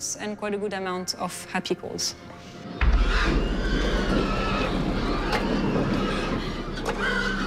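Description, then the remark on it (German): Pigs on a farm squeal and grunt in an agitated burst for a few seconds, then a loud low rumbling like a vehicle engine takes over, with fainter squeals scattered through it. “Diese Schweine sind ganz generell nicht besonders zufrieden.”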